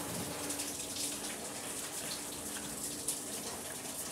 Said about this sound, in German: Das ist jetzt auch warmes Wasser, nur dass wir sie sauber haben. Einmal hinten da. Die Schieterei, genau, dass wir das alles sauber machen können.